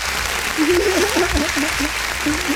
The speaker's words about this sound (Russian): Ну, здесь можно уже аплодисменты добавить. Да, сейчас, конечно, у меня, как всегда, они почти заготовлены.